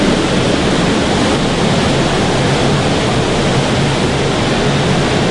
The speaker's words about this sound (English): We've all safely abseiled down into the main streamway, and we're going to walk about 10 meters down the stream, take a right, and head on down. We'll be in about ankle-deep to knee-deep water for a while now.